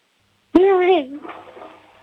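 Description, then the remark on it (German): A voice imitates a toilet flushing as part of a noise-imitation game, starting abruptly with a loud, humming vocal tone that wavers, then trails off into a softer, breathy rushing whoosh over about a second and a half. “Ja, jetzt haben wir die Klospülung hier gehört”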